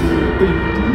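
A train rumbles, a loud, steady mechanical drone with a faint metallic hum, as it pulls slowly into a station. No voices.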